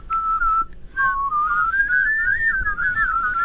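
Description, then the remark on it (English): A person whistles a bird-like tune, with the tongue not touching the teeth and then dropped to the bottom teeth: a steady tone that dips briefly, then rises and wavers with a quick warbling flutter, fairly loud with no talking. “If you whistle with your tongue not touching your teeth, like, but then you just drop your tongue to your bottom teeth.”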